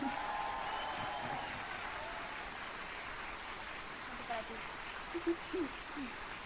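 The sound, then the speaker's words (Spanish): A church audience applauds for the Lord in a steady, dense wash of clapping that lasts several seconds, with a few brief, faint voices rising above it toward the end. “Vamos a darle otro aplauso al Señor.”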